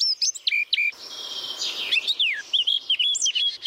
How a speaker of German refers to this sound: Und auf Platz 3 dann die Mönchsgrasmücke, ist auch ein Vogel.